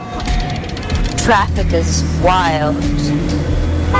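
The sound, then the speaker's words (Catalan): Steady city traffic in Barcelona rumbles throughout, in an advert by the brand Desigual, with two brief wavering tonal car horn blasts rising over it and some background voices mixed into the noise. “Traffic is wild.”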